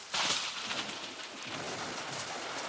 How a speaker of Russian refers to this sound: Хотя гром трещал по-прежнему, и молния полосовала все небо. Гроза хорошая, ничего, слава богу. Ножки маленько промякли от дождичка, а ну и ничего.